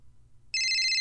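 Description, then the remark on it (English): A telephone suddenly starts ringing partway through, a loud, steady electronic trill with bright high tones that continues to the end, over a faint low background hum. “I haven't got a phone call on an NAP show in so long”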